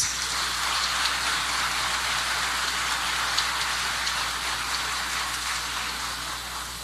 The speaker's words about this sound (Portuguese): O aplauso deste grande público para Jari Terres.